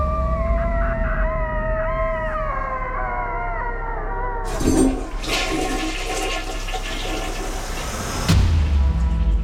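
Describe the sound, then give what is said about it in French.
A long, wavering howling cry of despair, like a coyote, from a man shut in a toilet rises and falls for several seconds, then gives way to the loud rushing roar of a toilet flushing. “Il court s'enfermer au water, où il pousse un long cri de désespoir.”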